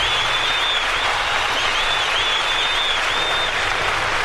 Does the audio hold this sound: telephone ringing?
no